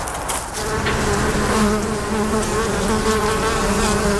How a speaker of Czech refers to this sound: Včely vedle včelína létají i dnes.